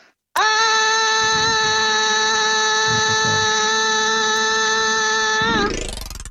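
A single loud, sustained scream shouted up a stairwell toward the second floor to hear the echo, held at a steady pitch for about five seconds before sliding upward at the end, with no talking.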